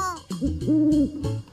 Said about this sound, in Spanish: ¡Es el de un búho!